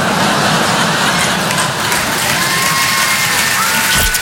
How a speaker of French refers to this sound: On va avoir aussi deuxième enfant, là. Je suis content, deuxième enfant. Voilà, n'applaudissez pas sur ça.